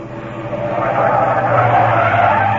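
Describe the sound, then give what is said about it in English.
Tires screech as a taxi brakes hard and skids, a loud sustained squeal that builds and holds for a couple of seconds over a rumbling engine. “Stop the car! Stop this car at once!”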